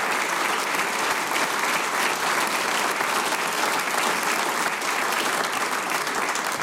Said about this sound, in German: Ihr kriegt einen großen Applaus, weil das, was ihr macht, ist ganz, ganz super.